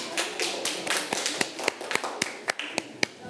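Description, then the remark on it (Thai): A group of classroom students clap for a classmate who comes forward to present the answer to exercise 1, starting as a dense patter of many hands and thinning into a few sharp, separate claps that trail off at the end. “เป็นใครดีเอ่ยอาจเป็นกลุ่มที่2นะครับกลุ่มที่2ปรบมือให้เพื่อนด้วยครับ”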